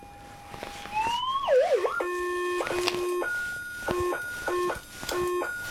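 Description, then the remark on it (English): A metal detector gives electronic tones as keys are passed over it, amid buzzy interference from the electricity indoors. A swooping, wobbling whine is followed by steady low and high pitches switching back and forth in uneven steps, fairly loud throughout. “You might make out the keys going over it amongst all the interference.”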